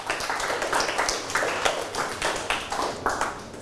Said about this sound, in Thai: ปรบมือให้ตนเองครับ